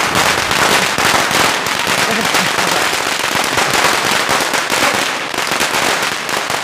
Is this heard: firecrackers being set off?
yes